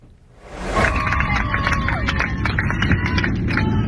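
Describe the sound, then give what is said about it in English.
After a brief quiet moment, a crowd of passengers on an Israel-bound plane bursts into cheering and steady clapping on learning they are safe on the ground, a dense, loud wash of applause and excited voices that continues throughout. “Quite a moment there, new video showing passengers cheering and clapping when they learned they were finally safe on the ground.”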